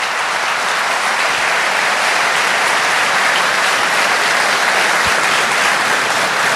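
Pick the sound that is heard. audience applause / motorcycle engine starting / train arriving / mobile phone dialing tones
audience applause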